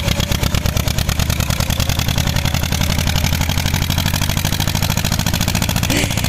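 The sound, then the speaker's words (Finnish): A tractor engine chugs steadily, its loud, rapid rhythmic putter holding an even idle-like pace throughout with no other sounds breaking in; from a video sent via WhatsApp from Kannonkoski. “Tällaista traktorin pärinää saatiin WhatsAppiin.”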